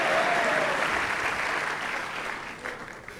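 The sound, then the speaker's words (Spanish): A church audience applauds the King of Kings (God) steadily, a dense wash of clapping that holds loud for a few seconds, then gradually thins and softens toward the end, with no voices standing out. “Vamos a darle un fuerte aplauso al Rey de Reyes.”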